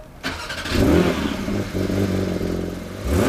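A legendary Porsche 911 engine cranks and fires up after a brief quiet moment, at Porsche's Weissach development centre near Stuttgart, then revs loudly with a rich, throaty roar before settling into a rumbling idle and rising again, without voices.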